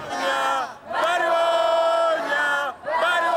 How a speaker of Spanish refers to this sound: En Barcelona han llevado su protesta hasta la sede de Junts al grito de vergüenza para reprocharles su postura y llaman a la movilización.